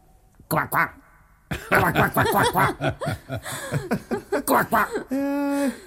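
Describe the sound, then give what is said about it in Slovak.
A man's voice, a minister's, croaks like a toad in a run of short, rhythmic, loud bursts, ending in one longer drawn-out croak. “Minister, budeš kvákať ako ropucha.”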